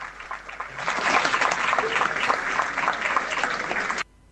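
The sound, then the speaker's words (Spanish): A crowd at an auction applauds steadily for about four seconds, a dense wash of many hands clapping at even loudness before it cuts off abruptly. “Che, aplaudamos también a la gente. Renovemos el aplauso, cómo no.”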